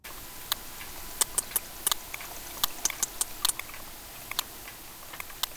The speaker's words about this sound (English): whales have regional dialects. But is this sperm whale from the east side of the Mediterranean or the west?